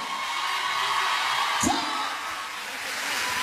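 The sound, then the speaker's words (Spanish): Loud, steady audience applause for Pablo at a live DVD recording of Cristian La Ruta, with a single short whoop rising out of the crowd partway through. “El aplauso más fuerte para Pablo.”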